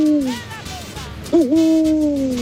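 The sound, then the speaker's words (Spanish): Two drawn-out, low owl hoots, the first fading downward and the second rising then holding steady, clear with no talking over them. “Hace un búho.”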